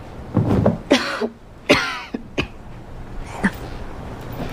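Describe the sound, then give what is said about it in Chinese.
Several harsh coughs in a rough cluster, two strong bursts followed by a few weaker ones and a faint throat clear, with no talking, from a person who caught a chill while underdressed in windy weather in Shanghai. “你怎么咳嗽了？”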